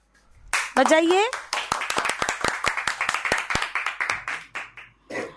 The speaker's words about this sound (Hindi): फिर से जोरदार तालियां बजाइए।